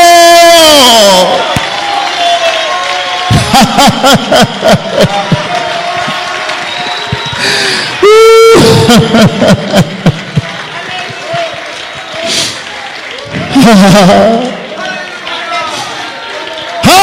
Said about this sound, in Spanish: Ponte de pie, dale un aplauso al Espíritu Santo. Dale ese aplauso al Espíritu Santo.